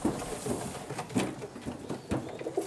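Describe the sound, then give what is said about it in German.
Several pigeons coo softly and continuously, their low throaty calls overlapping amid faint rustling and fluttering. “Ich suche jetzt quasi meine Locktauben aus, da kann ich momentan nicht jede nehmen.”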